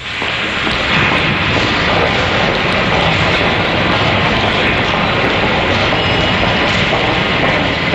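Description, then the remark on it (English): A New York subway train roars steadily through a station as commuters pass through turnstiles and board, a loud, continuous rumble with a rattling, clattering texture that fills the whole stretch without letting up. “People passing through turnstiles and boarding the subway.”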